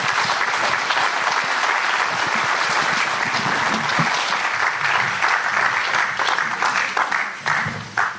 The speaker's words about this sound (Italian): No, glielo fate un applausone